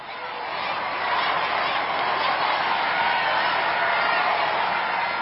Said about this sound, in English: The sound is the crowds on either side of the Champs-Élysées roaring their approval as he drives slowly down this 1.9-kilometer-long road at the heart of Paris in his Popemobile.